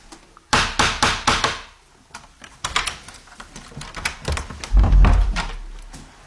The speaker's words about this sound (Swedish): Så innan man går ut genom den här dörren så ska man knacka då via den här lilla dörrknackaren för att man inte ska överrumpla den som sitter där ute. Ska vi knacka? Det gör vi.